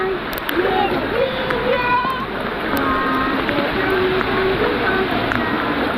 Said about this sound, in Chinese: 在港南区大松石社区，瓢泼大雨裹着风浪，冲锋舟在浑浊积水中破浪前行。